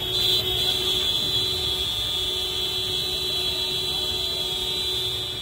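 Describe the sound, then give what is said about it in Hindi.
A dense, unbroken blare of many vehicle horns honked together in protest against Madhya Pradesh Chief Minister Mohan Yadav after his convoy blocked the roads of Singrauli in intense heat, a steady high-pitched tone layered over lower honks and traffic rumble, loud throughout with no speech. “सामूहिक रूप से हॉर्न बजाकर यह मध्य प्रदेश के मुख्यमंत्री मोहन यादव के खिलाफ प्रदर्शन है।”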